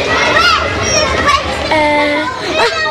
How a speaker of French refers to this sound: Les enfants qui rient, c'est les gens. C'est les enfants qui crient dehors. Les enfants qui parlent. Les messieurs qui crient très fort. Les enfants dans un immeuble qui crient fort.